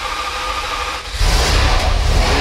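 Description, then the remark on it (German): A sports car engine runs loudly, a steady deep rumble that surges heavier and fuller about halfway through, as if revving, with no voices. “dass er 911er Sound oder den von Ferrari 12-Zylinder verglichen hat mit einem guten Mozart”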